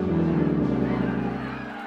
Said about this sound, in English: Listen to the crowd. The KGB has turned them against us.